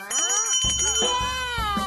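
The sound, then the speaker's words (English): A music bell rings out brightly, its high metallic chime sustained over a bouncy, melodic tune with soft rhythmic thumps, clear and without any talking. “When you ring this bell...”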